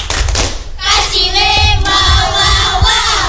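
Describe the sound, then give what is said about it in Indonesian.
A group of children in a school classroom chant and shout the 'Tepuk WOW' clap cheer together, loud, with a few sharp claps and thumps landing in rhythm with the chant. “Iya, kita tepuk WO dulu buat bertiga. Tepuk tangan dulu. Tepuk WOW.”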